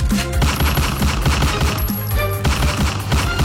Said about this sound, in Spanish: En las últimas horas se registró un tiroteo en el barrio Saavedra Galindo, donde dos jóvenes menores de edad fueron asesinados a tiros, a bala.